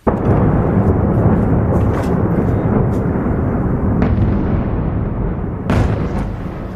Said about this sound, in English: Explosions lit up the sky as missiles and drones hammered the Ukrainian capital, killing at least 19 people in the region.